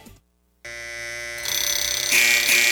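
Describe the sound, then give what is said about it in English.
A loud electronic alarm starts abruptly after a brief silence, a steady harmonic tone that swells brighter with a rapid pulsing buzz, continuous with no voices. “All right, there goes the alarm.”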